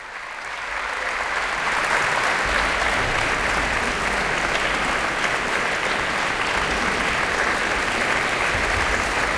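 Sustained applause from a large concert audience, a dense steady roar of clapping that swells in the first couple of seconds and then holds at full strength without pause, after the Orchestre Philharmonique de Radio France's performance of Franz Schreker's 1916 Chamber Symphony under conductor François Leleu, who has the musicians stand one by one.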